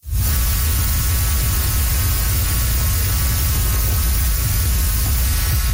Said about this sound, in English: Okay, so listen to that. Sounds like a waterfall. It is actually the hum and the buzz of millions of monarch butterflies in Mexico's Monarch Butterfly Biosphere Reserve.